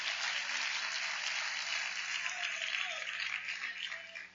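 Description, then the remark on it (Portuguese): A church audience applauds to glorify the name of Jesus. Many hands clap together in a dense, steady wash of crisp claps that holds at an even level without pause, with no voices standing out. “Podem tomar seus lugares e glorifiquem o nome do Senhor Jesus com as palmas.”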